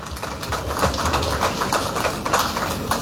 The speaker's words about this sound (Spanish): Tenemos el honor de invitar al alcalde del gobierno autónomo municipal de Chimoré, al licenciado Melquiades Claure González. Recibamos con un fuerte aplauso, por favor.